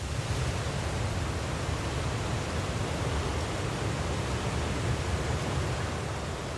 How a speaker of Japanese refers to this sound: 滝を登り続けたオープノーピリ。やっと滝の頂上が見えてきました。